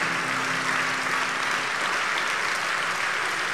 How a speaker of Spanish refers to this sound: Dele fuerte ese aplauso al que vive, alábelo con todo el corazón, mi hermano. Aleluya. Dele fuerte ese aplauso, alábelo con todo el corazón.